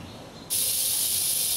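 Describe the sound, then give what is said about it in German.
A rattlesnake's rattle starts abruptly and runs as a loud, steady, dry buzzing hiss, continuous and unbroken for over a second, with no voices; the rattlesnakes are excited by a warmed feeder animal presented as prey. “Ja, da klappert ihr vor Aufregung, ne?”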